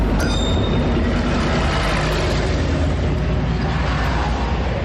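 A small train of the Żuławy narrow-gauge local railway (Żuławska kolej dojazdowa) rumbles along steadily, wheels clattering over the track in a dense, continuous roar with a brief high metallic squeal at the start; no voices.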